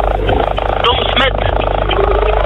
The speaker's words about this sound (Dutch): Echt het grappigste geluid. Ik weet niet wat voor lawaai er echt allemaal is bij... Jouw auto klinkt echt alsof hij kapot is